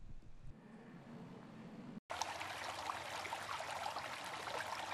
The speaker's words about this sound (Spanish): Agua. Fuente de vida.